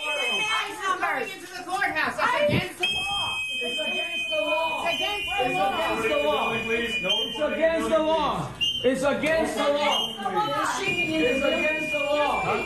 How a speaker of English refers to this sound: Video posted on social media shows masked agents going into the courthouse, ignoring activists who told them what they were doing was illegal. The audio about to play you does have some whistling noises.